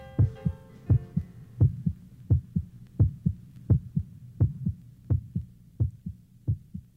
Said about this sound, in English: Baby, baby, can't you hear my heartbeat?